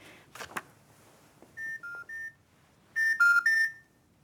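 A telephone beeps as a woman places a call to an Orthodox priest about baptism archives: a few handling clicks, then three short electronic tones, a pause, and three louder tones. No one speaks.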